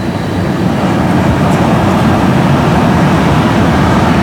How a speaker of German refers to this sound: Okay, der erste Zug ist hier lang gefahren, 3 Minuten Verspätung. Es war aber auf jeden Fall sehr leise.